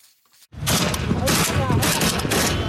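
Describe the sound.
After half a second of near silence, heavy gunfire and explosions of Yemen's civil war erupt into a loud, continuous roar, with repeated sharper bursts cracking through and indistinct voices mixed into the din.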